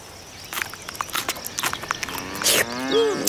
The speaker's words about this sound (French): Les vaches.